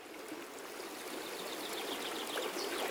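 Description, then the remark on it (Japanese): Steady rushing water at a waterfall, a broad continuous wash with bright splashing detail, holding an even level throughout with no voices. “そしてまたいつかこの滝を登って戻ってきます。”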